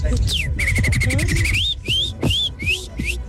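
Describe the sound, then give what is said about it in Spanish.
A person whistles birdlike calls: a rapid trill of repeated chirps around one high pitch, then several quick rising-and-falling whistled phrases with short gaps, fairly loud over a low background murmur. “Mi talento oculto es ser pájaro.”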